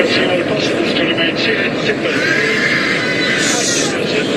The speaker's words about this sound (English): A faint announcement asking everyone to fasten their seatbelts, drowned by terrified screams. I think most people had their seatbelts on by then.